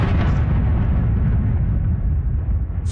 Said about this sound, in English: The hum of an incoming Russian drone targeting Kyiv. This was another night of heavy attacks on the Ukrainian capital.